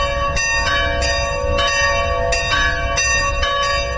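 The bells of the Serbian Orthodox church of the Holy Archangel Gabriel in Kalas ring loudly and steadily on Sunday, calling worshippers to the feast-day liturgy, with repeated strikes roughly every half second overlapping into a rich, sustained metallic peal. No voices are heard.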